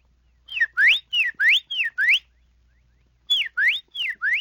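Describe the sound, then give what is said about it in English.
A whistled imitation of a Carolina wren's song: loud, clear two-part phrases of a falling then rising note, repeated four times, a short pause, then four more. “The tufted titmouse. And a Carolina wren.”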